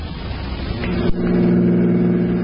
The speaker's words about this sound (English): All right, Maury, pull up here. There's the car station. Right, Captain. We'll leave the car here so Dowling won't see it.